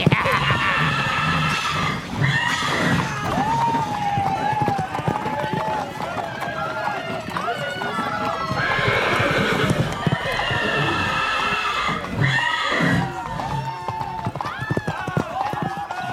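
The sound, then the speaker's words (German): Several horses, Swedish cavalry mounts and draught horses pulling cannons, bolt and gallop across a town hall square with a steady drumming of hooves, while repeated shrill neighs and whinnies rise and fall over the loud, continuous commotion. “Die Rösser der schwedischen Reiterei gingen durch, die Biergäule mit den Kanonen ebenfalls.”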